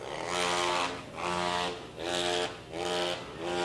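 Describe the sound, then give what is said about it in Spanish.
Engines roar in a steady series of loud surges, roughly four swells that rise and fall in a throbbing rhythm, with a rich buzzing tone and no voices. “El rugido de los motores, escuchan por ahí en el fondo.”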